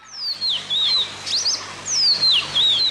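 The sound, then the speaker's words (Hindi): A bird perched on a rose branch at dusk chirps in a quick run of high, sliding whistles and twitters, repeating in short bursts with brief gaps and no voices. The bird has a red neck. “उस दिन संध्या समय उनके देखते देखते सामने की गुलाब की डाली पर एक चिड़िया आन बैठी।”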